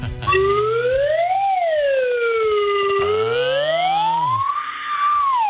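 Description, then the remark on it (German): A loud, continuous electronic siren wails, its pitch sweeping slowly up and down in long rising and falling arcs, like the Raumschiff Enterprise red alert alarm, with no voices. “Das ist Raumschiff Enterprise, KI. Ist das, ne? Ach, ich weiß nicht. Alarmstufe Rot.”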